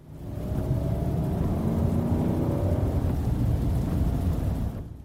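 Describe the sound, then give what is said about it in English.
An SUV's engine roars and climbs in pitch as it speeds up, a loud, continuous rumble lasting several seconds before cutting off, with no voices. “The SUV was speeding up and the engine grew louder.”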